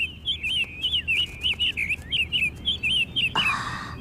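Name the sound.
caged bird chirping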